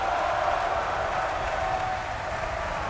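A large audience at the Bayreuth Festspielhaus applauds conductor Christian Thielemann at a performance of Wagner's Siegfried, a dense, continuous wash of clapping that holds an even loudness for the whole stretch, with no distinct voices standing out.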